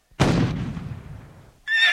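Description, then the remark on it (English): A loud, booming cannon shot, sounded to signal the ferry boat at the Patee House, fades into a rumbling decay, then Johnny Fry's Pony Express horse lets out a short, high-pitched whinny at the very end. No one speaks. “Johnny Fry galloped out of Patee House and down to the landing a mile away where the ferry took him and his steed across the Missouri River.”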